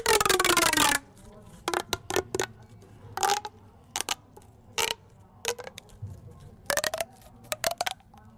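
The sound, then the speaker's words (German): An object with two corners is played to sound like a croaking frog: one long, loud rasping scrape, then a string of short, sharp ratchety croaks at an uneven rhythm, with no talking. “ich spiele euch etwas vor, was wie ein Frosch klingt.”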